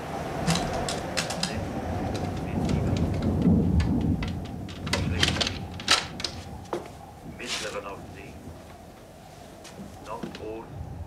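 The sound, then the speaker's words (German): A storm rolls through: low, rumbling thunder swells and fades beneath a steady wash of rain, with sharp drips and crackles scattered on top, continuous throughout. “Nun kommt auch noch Sturm auf.”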